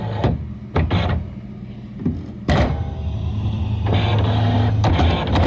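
A brand new printer at the Coast FM radio station runs on its own, a steady mechanical whir broken by sharp clunks and sliding bursts as paper feeds through, fairly loud, with no one speaking.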